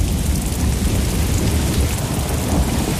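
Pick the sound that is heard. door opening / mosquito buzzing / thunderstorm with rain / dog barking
thunderstorm with rain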